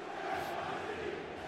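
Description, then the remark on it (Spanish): A packed stadium crowd awaiting the entry of the Timbers and New York City FC onto the field roars and chants in a loud, dense, unbroken wall of voices that holds steady for the whole moment, with no single voice standing out. “Y si creen que esto es ruido, espera que entren los Timbers y New York City FC.”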